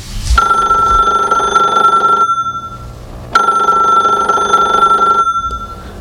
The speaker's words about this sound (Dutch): Oh, telefoon.